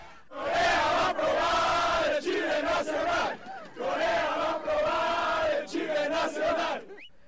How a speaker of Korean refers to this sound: 경기장을 빠져나오는 멕시코 축구 팬들이 YTN 취재진을 향해 격한 축하 인사를 건넵니다. 마치 자국 축구팀이 승리한 듯 광장을 떠나지 않고 방방 뛰며 응원 구호를 외치는 멕시코 축구 팬들.